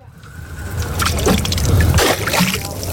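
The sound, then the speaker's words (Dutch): Water sloshes and splashes steadily against the hull of a small boat bobbing at sea while fishing for sharks to tag and release, with irregular lapping bursts and a low rumble of wind and motion underneath, moderately loud. “Nou, lekker dobberend op een bootje ben ik aan het vissen vandaag samen met visser en haaienonderzoeker”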